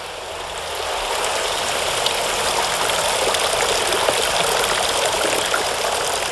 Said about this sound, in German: Wir stehen im Brunnenhaus. 5 mit Moos überzogene Bleischalen stehen hier aufeinander. Das herabsprudelnde Wasser ist so mineralhaltig, dass sich im Laufe der Zeit kleine Tropfsteine gebildet haben.